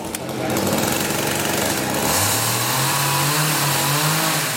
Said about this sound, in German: Laut ist es in den ersten Tagen im Schlosshof in Steinach. Die Bildhauer sägen die groben Konturen in dicke Eichenstämme.